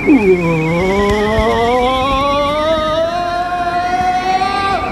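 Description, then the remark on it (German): A car drives through a road tunnel, its engine loud, rising quickly in pitch as it accelerates, then holding a steady, droning hum that climbs slowly. “Na, Sie sind abgebogen und fahren gleich da vorne in den Straßentunnel.”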